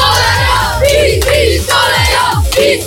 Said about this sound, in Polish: PiS, PiS, koleją! PiS, koleją! Czy to jest młodzieżówka PiSu? Bo dzieci krzyczą PiS.